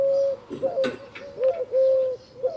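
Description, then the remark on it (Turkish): A laughing dove coos in a soft, bubbling series of short notes rising and falling, clear, with no talking over it. “Ve Adana'da var küçük kumru. Ve İstanbul'da var.”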